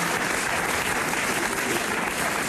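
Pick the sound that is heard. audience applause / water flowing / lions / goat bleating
audience applause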